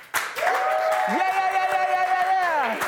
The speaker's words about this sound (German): Ladies and Gentlemen, das war Weltklasse. Komm, Crew, können wir noch mal einen fetten Applaus geben?